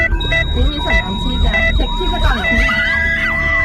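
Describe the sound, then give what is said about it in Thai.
An ambulance siren wails in repeated rising and falling sweeps, loud, layered over steady electronic tones and a dense low rumble. “ถ้าเป็นญาติพี่น้องของคุณล่ะเมื่อเราพร้อมใจกันหลบทางให้รถพยาบาลให้ทางเท่ากับช่วยชีวิต”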